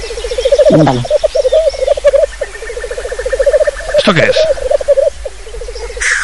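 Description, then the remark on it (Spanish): A black grouse's continuous bubbling, cooing call rolls on steadily in a rhythmic warble, prominent, while a person briefly speaks over it twice. “Un gallo lira.”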